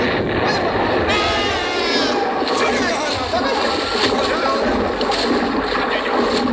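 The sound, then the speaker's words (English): Loud, continuous roar of water gushing down through a submarine's conning tower hatch and grinding metallic rumble as a destroyer rams the surfacing submarine, with indistinct shouting voices mixed into the din throughout. “The impact threw all of us to the deck. I got back up in time to see water gushing down through the conning tower hatch.”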